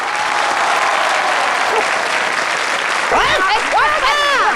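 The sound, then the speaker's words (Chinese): A large audience claps in a loud, steady wash of applause after being asked to applaud, with a few voices shouting or cheering over it toward the end. “明明今天我相亲半路杀出个程咬金，大家给我鼓鼓掌，我和老程保命拼。”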